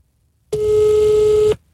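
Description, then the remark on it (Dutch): A single steady telephone ringing tone, about one second long, comes through a phone handset held against a microphone, loud and slightly tinny, followed by quiet. “Zet de telefoon tegen de mic. Dan hoor je hem wat beter.”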